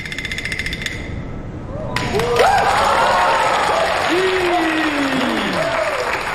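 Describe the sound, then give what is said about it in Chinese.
After a quieter opening, an audience of students breaks into loud, dense applause for a crosstalk performer going on stage, keeping going steadily to the end, with a few voices calling out over the clapping. “谢谢，感谢同学们给的热情的掌声，仿佛让我回到了小剧场，仿佛又让我回到了大舞台。”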